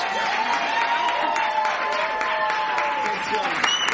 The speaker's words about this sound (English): I need another special round of applause for this guy right here. This guy who makes it happen.